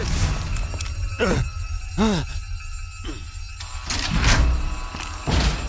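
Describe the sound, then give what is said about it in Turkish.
A heavy door being opened: a few solid clunks and thuds, a short groaning creak of the mechanism, then more knocks as it gives way. “Biri açsın şu lanet kapıyı hadi.”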